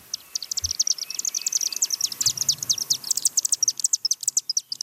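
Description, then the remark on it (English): A flock of chimney swifts, a bird species at risk across Canada, chittering nonstop at a chimney roosting site near Magog in the Eastern Townships: a dense stream of rapid, high-pitched twittering calls overlapping for the whole stretch, steady, with no voices. “Well, conservationists near Magog in the Eastern Townships are celebrating the relocation of a chimney, not just any old chimney, but a roosting site for chimney swifts, a bird species at risk across Canada.”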